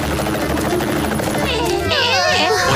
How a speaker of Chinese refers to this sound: 太好了，蜻蜓直升机马上降落。